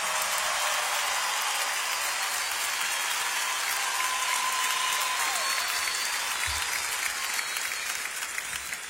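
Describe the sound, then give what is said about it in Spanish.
Sustained applause from an evening concert audience for an orchestra from Los Angeles accompanying the band, a dense steady patter of clapping at constant loudness throughout, with no voices over it. “Un aplauso para ellos.”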